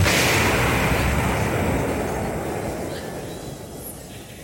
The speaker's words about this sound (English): And explosions.